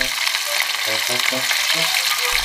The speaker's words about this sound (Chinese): 新鲜的青鳞鱼有着独特的风味，用面粉在鱼身上薄薄抹一层，将青鳞鱼下锅炸到两面金黄，就大功告成了。